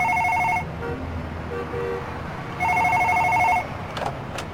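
A telephone rings twice with an incoming call placed soon after an earlier call was hung up, two bright electronic trills separated by a pause of about two seconds, loud over a low background hum.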